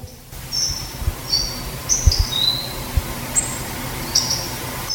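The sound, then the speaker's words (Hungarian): Several thin, high hawfinch call notes, short and weak, come at irregular intervals over a low, rumbling background, with no talking. “Egy hangot például megmutatok, például a megyvágó.”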